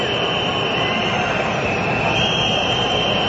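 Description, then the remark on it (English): A loud, unbroken roar from a large stadium crowd of Morocco fans at a football match against the Netherlands, a dense wash of cheering and chanting that holds steady and echoes around the stadium for the whole stretch without any clear break. “It's a noise that is echoing around the pockets of this stadium.”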